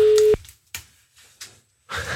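A loud, steady telephone ringing tone sounds once at the very start and cuts off quickly, followed by a few short, muffled bursts of noise and a louder rush at the end.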